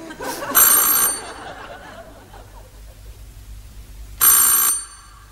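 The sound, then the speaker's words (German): A doorbell at a couple's house rings twice, each a bright, shrill half-second burst, with a pause of about three seconds between them and a low murmur of background noise in the gap. “Und ich werde gleich läuten bei diesen Leuten.”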